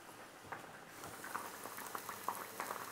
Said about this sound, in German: Und nebenbei mache ich ein bisschen Öl warm.